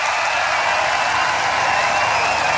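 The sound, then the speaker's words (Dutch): A large festival crowd at Rock Werchter applauds at the main stage at the end of a concert by a band, a dense, steady wash of clapping with some cheering, sustained and fairly loud throughout with no talking. “Groot applaus in het publiek.”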